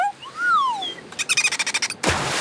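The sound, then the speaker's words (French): A dolphin named Séraphin, swimming beside a boat and leaping in the water, squeaks with high, sweeping whistles that rise and fall, followed by a rapid train of about ten pulsed clicks, then a sudden hissing splash of water. “Toudou salue son copain le dauphin.”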